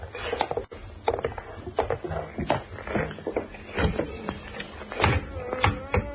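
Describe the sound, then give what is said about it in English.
A trap door in the floor leading to the cellar is hauled open, with a series of wooden knocks, scrapes and heavy thunks spread unevenly over several seconds. “Hey, it's an opening in the floor. This trap door leads to the cellar.”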